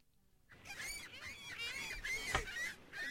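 Seagulls screech and cry in a loud, overlapping chorus, with harsh repeated calls that start after a brief quiet moment and continue without pause, bright.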